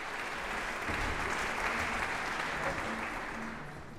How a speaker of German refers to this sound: Das HR-Sinfonieorchester spielte das Prélude à la Prémédie d'un Faun von Claude Debussy. Gastdirigent war François Leleu. Und Applaus gibt es dafür jetzt im Casals-Forum in Kronberg.